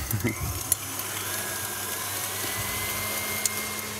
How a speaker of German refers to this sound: Also das wäre ein Teil Butter aufgeschlagen oder aufgeschäumt, das machen wir jetzt. Ja, mach mal.